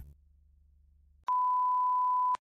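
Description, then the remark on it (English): A low, steady hum gives way to a single loud, sustained high-pitched beep tone lasting about a second, starting and stopping abruptly with sharp clicks, like a radio alert signal. “This is a radio alert.”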